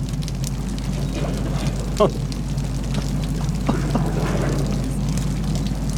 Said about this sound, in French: Un bruit de l'eau, hein. Comme une cascade.